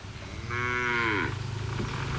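A cow at a stall selling sacrificial cattle in Aceh Tamiang, Indonesia, lets out a single long, loud moo lasting under a second, its tone sliding down at the end, over a steady low background hum with no one speaking.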